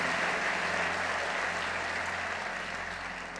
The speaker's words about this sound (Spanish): Eso merece un mejor aplauso al Señor.